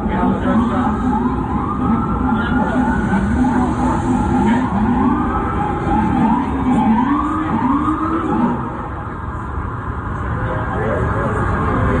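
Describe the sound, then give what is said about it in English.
Several emergency vehicle sirens wail and overlap loudly in Times Square, their pitches rising and falling continuously against a dense, noisy city street background. “There are so many questions, but I want you to listen to this, what it sounded like, right? The sirens, the clapping of the knives, and then the fatal shots.”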